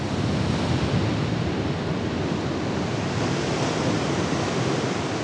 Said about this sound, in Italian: Nate nei Caraibi, le tempeste attraversano l'oceano da un capo all'altro, prima di riversare la loro furia sulla frastagliata costa irlandese. Uno spettacolo impressionante.